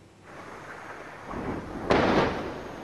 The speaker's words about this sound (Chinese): 在黎巴嫩南部奈拜提耶，随着巨大爆炸声传出，远处升起滚滚浓烟。据黎巴嫩当局消息，以色列20日对黎南部奈拜提耶、盖纳里特等地发动空袭，造成多人伤亡。